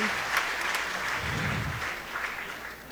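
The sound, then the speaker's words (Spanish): An audience applauds a boy's tenth birthday in a steady, dense wash of clapping that holds at an even level, with a brief sharp knock near the end. “Aplausos, hermanos.”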